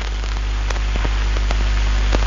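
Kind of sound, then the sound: nature, rain falling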